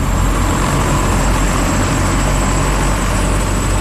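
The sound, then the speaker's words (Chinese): A loud, steady roar of a helicopter's engine and rotors as it slowly descends and lands on an estate, unbroken, with deep low rumble and a thin high whine running throughout. No one speaks. “一架直升机缓缓降落在乌曼的庄园里，等着乌曼登机”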